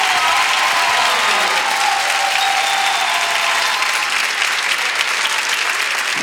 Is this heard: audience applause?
yes